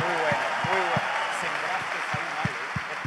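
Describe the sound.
An audience claps steadily for about three seconds, a dense, even wash of applause with a few rhythmic low thumps and some voices calling out underneath.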